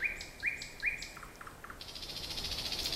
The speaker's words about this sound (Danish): Og selvfølgelig også, fordi han synger så smukt og så varieret, ikke mindst. Rigtig mange fugle kan kun det samme lille kvittevit, som de så sætter på repeat i vildens sky, men nattergalen varierer sin sang i, ja, det uendelige, vil jeg nærmest mene.